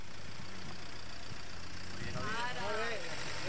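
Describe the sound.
A car engine idles with a steady, low rumbling hum throughout, while a voice starts speaking over it during the last second or so.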